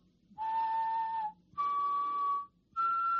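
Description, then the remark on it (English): Someone whistles a simple major triad into a microphone to search for a melody with a song website's 'Zapiskej a hledej' (whistle and find) tool: three sustained notes, each about a second long, stepping upward in pitch with short pauses between, breathy and clear with no talking. “And you just need to activate your microphone and you can whistle like...”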